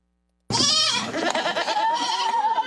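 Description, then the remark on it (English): Baby goats with rabies at a mobile petting zoo in Iredell County, North Carolina, bleat loudly, their high, wavering cries overlapping almost continuously after a brief moment of silence. “Baby goats with rabies at a mobile petting zoo in Iredell County, North Carolina.”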